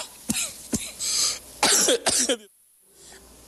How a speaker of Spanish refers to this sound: Maldita tos.